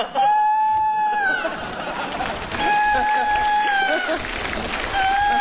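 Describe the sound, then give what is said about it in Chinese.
A rooster crows three times in a row, each call a loud, drawn-out tone that dips at the end, with busy background chatter from people talking. “这咋还打鸣呢？”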